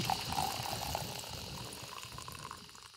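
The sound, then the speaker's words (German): Boiling hot water gurgling and bubbling as a luxury coffee machine pours it over freshly ground coffee beans, a steady hiss and trickle with small pops, fading slightly toward the end. “Oh, also unsere Super-Luxus-Kaffeemaschine übergießt jetzt mit kochend heißem Wasser die frisch gemahlenen Kaffeebohnen.”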